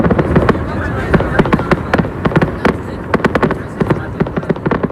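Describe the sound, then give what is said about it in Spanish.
A fireworks festival at night, closing a town fiesta, crackles and bangs in rapid, irregular bursts, sharp loud pops overlapping one another above a steady roar of blasts and crowd noise. “una fiesta que comenzaba con el pregón el pasado martes y terminó anoche con esto, con un festival de fuegos artificiales.”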